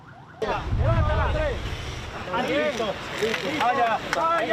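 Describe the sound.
An ambulance siren wails with rising and falling tones over a low rumble of wind or traffic at an earthquake rescue scene by a collapsed building, while several people talk and call out.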